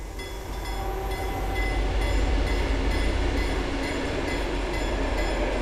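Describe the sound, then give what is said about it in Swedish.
A train rushes steadily past on a newly built railway embankment of grey gravel, a loud continuous roar of wheels and rumble with faint rhythmic clatter, building slightly in the first half second and holding throughout. “Där järnvägsrälsen i september 2025 hängde i luften susar nu tågen förbi på en nytillverkad banvall av grått grus.”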